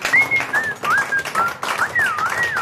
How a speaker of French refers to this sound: Elle siffle. Elle siffle. Oh, bravo, madame.